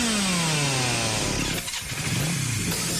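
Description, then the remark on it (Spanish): A loud motor engine roars, its pitch sliding down as it revs, then dipping briefly before surging again with a harsh, throaty growl; no voices. “Si el rugido del motor de un auto o moto te eriza la piel, este lugar es para vos.”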